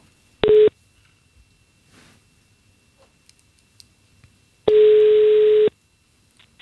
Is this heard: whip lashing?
no